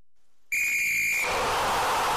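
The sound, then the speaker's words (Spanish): A loud, shrill whistle blast opening the El Pitazo segment on Radio Mercado, with a steady high pitch lasting under a second, then breaking into a harsh, noisy rush of sound that continues to the end. “En estos momentos damos inicio a nuestro espacio, El Pitazo, El Pitazo.”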